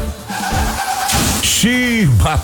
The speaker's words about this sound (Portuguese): Bateu, mas meu carro tem Álamo.